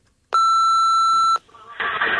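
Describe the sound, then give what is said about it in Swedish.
A single loud, steady electronic beep of an answering machine lasts about a second, followed by a burst of noisy, crackly phone-line hiss. “Och så här låter det i telefonsvararen.”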